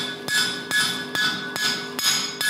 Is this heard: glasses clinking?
no